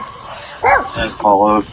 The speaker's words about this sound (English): You hear a little guy barking, and he's walking intentionally in a certain direction, stops and looks back at the officer.